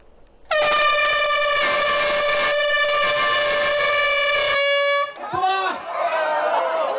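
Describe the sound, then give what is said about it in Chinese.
A single loud, steady horn blast rings out for about four seconds at 8:30 a.m., signaling the start of the 2026 Red Balloon Challenge and blood donation outreach event at the Grand Canal Forest Park in Tongzhou District, then cuts off, leaving brief crowd chatter and voices in an open outdoor space. “上午8点半，随着汽笛鸣响，市直机关干部、红十字工作者、志愿者、无偿献血及造血干细胞捐献者代表，在大运河畔用脚步传递善意，用行动践行公益。”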